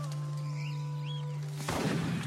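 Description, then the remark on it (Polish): A second gunshot cracks out after a steady low hum and faint bird chirps, followed by a broad echo that rolls away over the next moment. “Po chwili drugi.”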